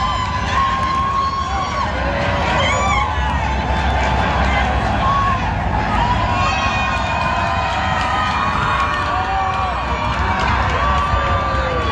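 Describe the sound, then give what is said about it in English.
A huge home soccer crowd outside BC Place in Vancouver roars and cheers continuously as Canada scores a fourth time to lead Qatar 4-0 in a FIFA World Cup match, loud and dense throughout, with shouts, whoops and a babble of many voices blending into one sustained wall of noise. “Here's another deafening roar from the home crowd outside of BC Place.”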